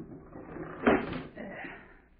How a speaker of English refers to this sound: I'll close the window.